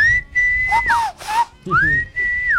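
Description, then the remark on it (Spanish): A husband whistles a short, fairly loud call as a signal to his wife: a long held note that dips into quick lower chirps, a brief pause, then a rising glide back to the same steady tone. No talking. “Por ejemplo, mi esposo cuando quiere tener intimidad conmigo, yo estoy, por ejemplo, en la cocina y en la habitación y él silba.”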